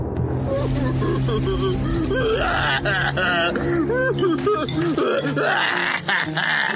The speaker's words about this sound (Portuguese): E foi naquele momento que ela ouviu um som estranho vindo do dragão. O quê? Esse dragão está chorando?